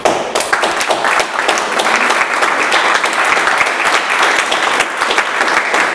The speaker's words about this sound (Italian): Applauso, insomma, fortissimo